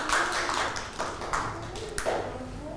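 A group of children claps their hands in a short burst of scattered, uneven claps, moderately loud and close, with a faint murmur of voices underneath.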